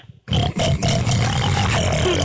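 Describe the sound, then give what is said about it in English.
A man imitates a pig, letting out one loud, rough, sustained oinking snort for about two seconds after a brief quiet moment. “ask … what animal sound you want him to make. A pig.”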